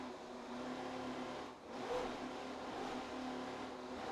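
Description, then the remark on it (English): A powerful offshore racing powerboat engine roars steadily at high speed at the start of the Miami Offshore Grand Prix race, loud, with a brief dip in pitch and volume midway before it surges back to a strong, sustained drone. “Just listen to the boat run. It sounds so strong.”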